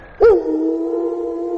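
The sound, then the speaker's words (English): A test tone of the Wolf Broadcasting System on the radio station Classic Rock 96.7 The Wolf: a loud, sudden burst swoops briefly in pitch, then settles into a steady, sustained buzzy tone with several stacked harmonics, held evenly until the end with no talking. “This concludes our test of the Wolf Broadcasting System.”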